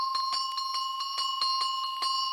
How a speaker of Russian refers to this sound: Встречаются колокольчики, которые в сечении поперечном имеют не круг, а овал. Вот такие колокольчики относятся к числу подшейных, и их почему-то принято было называть цыганскими.